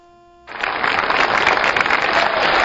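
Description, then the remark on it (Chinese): After a brief quiet lead-in, the audience at the 1993 Spring Festival Gala bursts into sustained applause for a crosstalk performance by Niu Qun and Feng Gong, a dense, steady wash of clapping that holds at an even loudness to the end. “哎呀，春节好，这个朋友们一鼓掌啊，我明白什么意思，发现我越长越漂亮是吧？”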